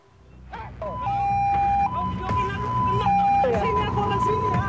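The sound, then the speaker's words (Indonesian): A loud ambulance siren alternates steadily between two tones in a hi-lo pattern on Jalan Muhammad Nohel, Sukma Jaya, Depok, West Java, on a Sunday afternoon, as a motorcyclist blocks the ambulance; people's voices and street noise mix underneath. “Rekaman video amatir memperlihatkan detik-detik pengadangan mobil ambulans di Jalan Muhammad Nohel, Sukma Jaya Depok, Jawa Barat pada Minggu sore.”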